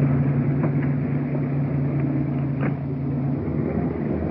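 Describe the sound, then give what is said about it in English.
A car engine runs low and steady as the vehicle is pulled up against the curb and out of the middle of the street, a constant hum with a couple of faint clicks and no voices. “Why don't you pull it up against the curb and get it out of the middle of the street?”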